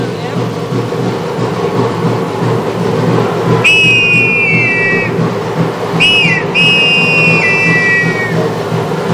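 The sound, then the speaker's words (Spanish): A clay whistle sounds three shrill, sliding cries in imitation of an eagle, each starting high and dipping slightly before holding a steady piercing tone, over a constant low rumbling background. “Es el sonido del águila.”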